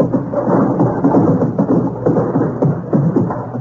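A galloping horse sound effect: a loud, continuous rumbling clatter of hoofbeats in a fast, steady rhythm, heavy in the low end, with no voices over it.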